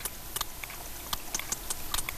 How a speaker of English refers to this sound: Sperm whale clicks are one of the most powerful sounds on the planet, louder than a jet engine.